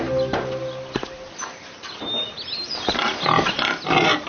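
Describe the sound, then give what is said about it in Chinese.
A pig squeals in repeated harsh, high-pitched bursts, growing louder and more frantic toward the end, with no voices present. “我又逮到一个俘虏，这家伙逃跑时还抢了乡亲们的猪。”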